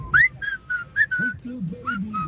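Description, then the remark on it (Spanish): Someone whistles a bright, tuneful pop song melody in a quick run of short, distinct notes, clear, with a low voice murmuring underneath during the second half. “O sea, tenemos silbadores profesionales del otro lado.”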